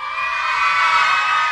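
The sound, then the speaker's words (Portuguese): A crowd of children at the Grupo RBS stand shouts and cheers together in a loud, continuous burst of excited high-pitched voices that holds steady for the whole moment. “Quer ver as crianças? Criançada, faz barulho aí!”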